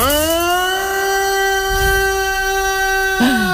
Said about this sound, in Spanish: ¿Haz la sirena? ¿Eh? La sirena.